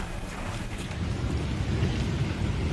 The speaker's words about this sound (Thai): สื่อในสเปนรายงานว่าเกิดฝนตกหนักในเมืองบาร์เซโลนาส่งผลให้เกิดน้ำท่วมไหลทะลักเข้าสถานีรถไฟใต้ดินหลายแห่งทำให้รถไฟใต้ดินหลายสายต้องหยุดทำการหรือลดช่วงเวลาให้บริการขณะที่การจราจรถูกปิดชั่วคราวเนื่องจากน้ำท่วมขังบนถนนหลายสาย